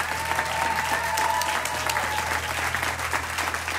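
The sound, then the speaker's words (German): Sustained applause from a live concert audience for a solo and the band, a dense wash of clapping hands at steady volume throughout, with faint crowd murmur underneath. “Applaus für Thierrys unfassbares Solo und meine großartige Band.”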